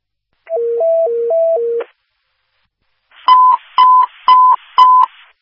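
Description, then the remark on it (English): Dispatch medical paging tones for Liberty and Fire, Station 92, over a radio: a warbling two-pitch sequence stepping back and forth, a short pause, then four evenly spaced, loud alert beeps with a slightly noisy, crackly edge. No talking. “Liberty and Fire, Station 92, disregard those medical tones.”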